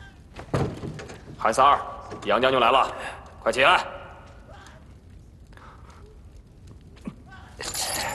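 A heavy door groans open in several loud, drawn-out creaking bursts with a thump at the start, then things settle into quieter shuffling and a final rush of noise.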